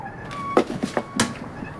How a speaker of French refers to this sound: On dirait plutôt le grincement d'une roue mal graissée. Allons voir. Je veux en avoir le cœur net. Là, capitaine. C'est la pompe qui fait ce bruit-là.